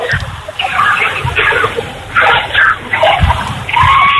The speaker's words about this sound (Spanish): Es un momento de mucha tensión, muchos gritos.